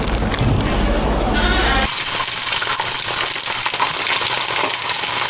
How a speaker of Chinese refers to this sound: 将包好的鸡蛋卷放入油锅炸至酥脆定型，简单切上几刀，这道菜便大功告成了。